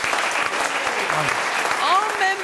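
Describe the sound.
Audience applause, a steady dense patter of many hands clapping throughout, with brief voices and cheers rising over it near the end.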